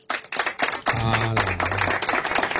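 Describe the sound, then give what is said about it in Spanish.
An audience claps together on cue in a steady, dense patter of many hands, moderately loud, with a low droning tone running underneath partway through. “Cuando oigan, ustedes empiezan a aplaudir.”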